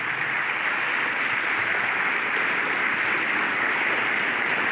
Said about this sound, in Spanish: No, dale un aplauso al Señor.